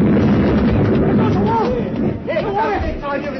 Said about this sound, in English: We ran, the three of us, and behind was the mad old man with his charge of dynamite. We reached the mermaid gallery when it went off.